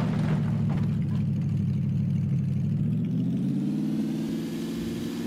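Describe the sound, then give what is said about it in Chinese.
A vehicle engine runs steadily with a low, continuous hum, its pitch rising slightly near the end as if revving up. No voices are heard. “我好像听到引擎的声音。”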